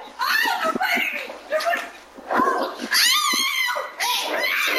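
A woman screams and wails in loud, frantic bursts as the dogs she was playing with knock her over and repeatedly bite her, with harsh vocal cries rising and breaking over almost five seconds of chaotic commotion, captured on video.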